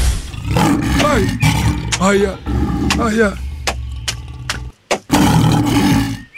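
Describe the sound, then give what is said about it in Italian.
A voice imitates a lion in heat roaring, loud, with a rough, wavering growl that rises and falls in pitch, broken by a short pause before the roaring resumes. “Leone in calore.”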